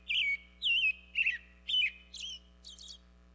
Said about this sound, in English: For example, some birds have clear singing voices, like this American robin.